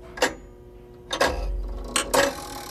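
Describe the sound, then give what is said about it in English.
A mechanical clock ticks, a handful of sharp, crisp clicks spaced unevenly over a low hum, with no talking. “Oh, I love the sound of ticking.”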